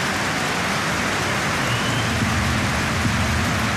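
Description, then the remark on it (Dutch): A stadium crowd in Alkmaar applauds AZ striker Troy Parrott as he is substituted off injured, a dense, steady wash of clapping that holds at an even, fairly loud level throughout, with no voices standing out. “Ja, applaus natuurlijk, maar dit is niet zijn gedroomde afscheid.”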